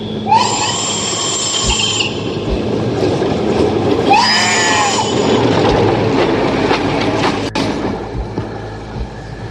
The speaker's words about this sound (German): Wenigstens hat der ICE da drüben gerade das Schaf überfahren.